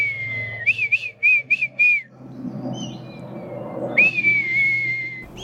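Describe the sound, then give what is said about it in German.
A man whistles an imitation of a female red kite's call to communicate with the bird as it circles about 20 metres overhead: a high note breaking into five quick warbling pulses, then, after a short pause, one long wavering whistle over a low background rumble. “… ahmt ihren Ruf nach.”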